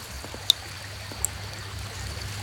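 river water flowing

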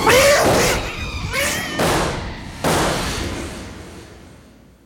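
cat yowling wildly

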